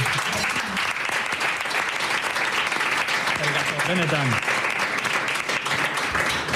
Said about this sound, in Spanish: ¡Buah, qué maravilla! ¡Se merece un aplauso!